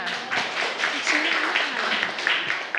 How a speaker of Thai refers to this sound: ปรบมือให้กลุ่มสองค่ะ